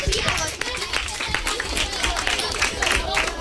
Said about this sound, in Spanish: En fin, acabouse. ¡Aplauso!